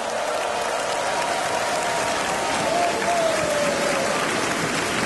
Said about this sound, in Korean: 네, 힘찬 무대를 보여준 우리 어린이 합창단에게 다시 한번 큰 박수 보내주시기 바랍니다.